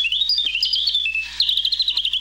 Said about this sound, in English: They said, we'll make you the smallest bird in the world to sing.